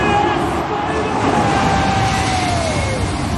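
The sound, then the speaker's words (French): Two large airliners pass low overhead, only a few tens of metres above the roof of the stadium in Cape Town, South Africa, just before kickoff of a rugby match involving the South Africans; a loud, continuous roar of jet engines with whining tones that slowly slide downward in pitch across the few seconds. “Ce que vous entendez là, ce sont deux gros avions de ligne.”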